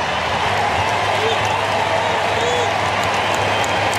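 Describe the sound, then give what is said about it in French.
Curaçao supporters in a stadium applaud steadily for several seconds as Taichung is substituted off for Gervan Castaner in a match against Germany, a loud, dense wash of clapping mixed with general crowd noise that stays even throughout. “Applaudi, vous l'entendez, par les supporters curassiens.”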